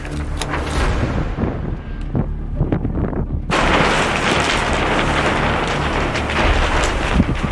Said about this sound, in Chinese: 三月的考古工地仍是阴晴不定，一阵大风吹过，天气说变就变。 起风了，在网上看到像这天气非常像要下雨了，真的看到乌云都压下来了，坏了。